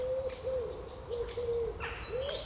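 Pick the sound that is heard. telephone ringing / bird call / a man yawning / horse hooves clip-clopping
bird call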